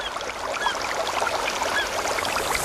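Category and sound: ambience, forest ambience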